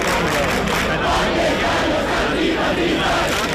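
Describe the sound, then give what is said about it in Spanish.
A large crowd of about a thousand people protesting over housing, camped at the Puerta del Sol for a third consecutive night, chants and roars continuously in the early morning, a dense, loud wash of many voices with rising and falling surges of shouting throughout. “Sonido que nos llega esta madrugada desde la Puerta del Sol, donde cerca de un millar de personas, según el sindicato de inquilinas, permanecen acampadas por tercera noche consecutiva.”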